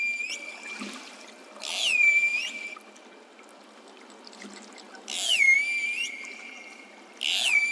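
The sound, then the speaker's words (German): Pilot whale calls recorded underwater: three bursts of high, sweeping whistles that slide downward in pitch, separated by stretches of faint watery hiss, with no voices. “Hören wir uns doch auch an, wie die Grindwale sich anhören.”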